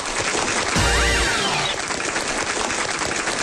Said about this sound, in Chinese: 听见了吧？看见了吧？鼓掌的、呐喊的，都是我家亲戚。